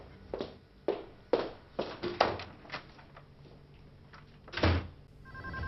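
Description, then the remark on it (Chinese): A mobile phone rings in a series of short, uneven bursts at moderate volume as Xu Fei's call goes through to Qian Duoduo's mobile, with no one speaking, the ringing pausing briefly before one final louder pulse near the end. “许飞拨通了钱多多的手机。”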